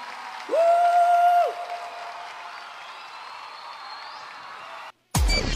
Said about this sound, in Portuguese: Aplauda o dono desse amor. Aplauda mais forte, aplauda mais forte.